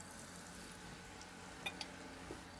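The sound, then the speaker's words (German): Pieces of liver, two per person, sizzle steadily in a frying pan, a continuous crackling hiss with a couple of sharper pops and spits breaking through near the end. No one speaks. “Ja, schön, einfach in die Pfanne.”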